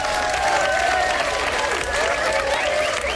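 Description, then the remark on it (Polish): A group of people applauding a correct answer to a riddle, a dense, continuous wash of clapping that stays loud and even for a few seconds, with faint whistle-like tones drifting through it. “Wspaniała odpowiedź i wspaniała praca klaskaczy.”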